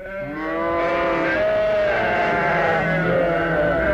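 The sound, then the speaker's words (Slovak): Sheep on a farm bleat loudly in a sustained, wavering chorus, their overlapping cries running continuously throughout with no talking. “Bé, kde je naša potrava? Dajte nám jesť, bé.”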